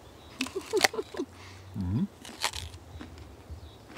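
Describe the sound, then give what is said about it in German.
A crisp, crunchy bite into a firm peach with a yellow base colour, taken to test its ripeness: a quick burst of crackling snaps followed by a short hummed vocal sound, then a few softer chewing crunches. “Ich denke, wir müssen mal so eine kleine Probe machen, mal einfach mal reinbeißen.”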